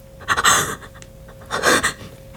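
A sharp, breathy gasp of shock from a person who has just seen a man's huge body burst, followed a second later by another ragged, shuddering intake of breath, with no talking around it.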